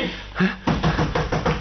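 A series of about five firm knocks on a door, spaced at a steady, slightly hurried rhythm, loud against a quiet background.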